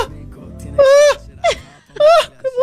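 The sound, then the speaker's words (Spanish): A voice imitates a mother's excited half-scream: four loud, high-pitched squealing bursts, some short and some drawn out, separated by brief pauses. “Y empezó ahí, así como medio a gritar.”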